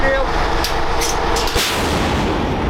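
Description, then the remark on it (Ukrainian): A Bohdana self-propelled howitzer at the front fires a shot at a target, a sharp, heavy boom that cuts through a constant loud mechanical roar, followed by a dense, rumbling wash of noise. “Богдана може бити по цілі за десятки кілометрів.”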